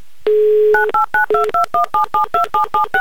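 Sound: telephone number being dialed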